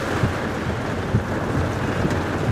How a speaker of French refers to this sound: Bon, on est vraiment au cœur de l'orage. Hein. Ouais. Là, il y a la pluie, le vent, les éclairs. Là, on voit plus rien. Hein. On va vraiment... En plus, t'as des coups de foudre qui tombent devant.